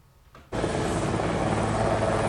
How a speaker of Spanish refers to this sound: El presidente llegaba en helicóptero